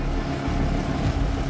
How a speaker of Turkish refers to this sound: Tekne yaklaşıyor. Durum kontrol altında, sorun yok.